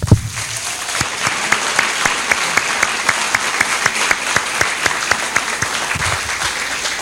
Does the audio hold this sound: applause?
yes